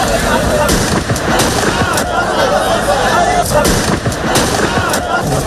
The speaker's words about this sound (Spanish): Estos son disparos al aire, no a la persona. Al aire.